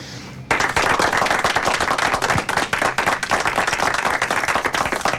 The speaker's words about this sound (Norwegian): så skal vi klappe litt for deg.